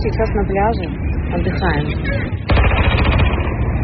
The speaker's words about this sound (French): Nous nous reposons, dit-elle, avant d'entendre le son des armes lourdes visant des drones